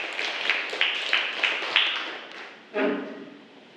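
A group of students in a classroom clap hands in a steady rhythm for a classmate's answer, about five beats close together at moderate loudness, before the clapping stops and a brief voice is heard.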